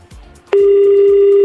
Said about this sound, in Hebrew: אני רוצה להתייחס למאזין אחד שאני מחייג אליו עכשיו, משיחה חסומה. זו שיחה לא מזוהה. אם אתה רואה את זה על הצג טלפון שלך, כדאי לענות. כי אם לא ענית, הלך.